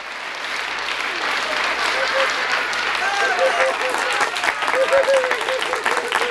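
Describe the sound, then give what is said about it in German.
An audience claps steadily for several seconds at the end of an afternoon puppet show performance, a dense, sustained patter of many hands, with a few faint voices and cheers rising through the applause near the end. “Das Spiel ist jetzt aus und drum klatscht sie in den Tint.”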